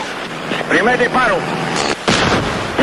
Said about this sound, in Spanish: Primer disparo. ¡Le dimos!